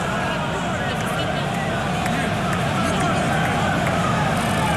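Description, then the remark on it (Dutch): A large stadium crowd of Sunderland supporters at a football match boos steadily, a dense, continuous roar of disapproval that stays loud and unbroken from start to finish. “Die van Sunderland zijn nog altijd boe aan het roepen.”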